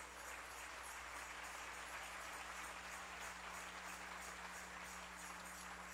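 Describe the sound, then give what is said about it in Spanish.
A crowd claps steadily and continuously for several seconds, giving applause to the King (God). It is a dense wash of many hands with no pauses, over a low electrical hum, with no voices. “Dale ese aplauso al Rey.”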